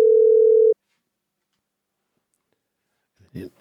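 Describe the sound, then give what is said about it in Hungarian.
A loud, steady telephone dial tone from a wrong call to the Mária Rádió listener phone-in line sounds for under a second and cuts off abruptly, followed by silence and then a brief burst of a voice. “Téves hívásunk volt, de továbbra is várjuk a kedves hallgató telefonjait.”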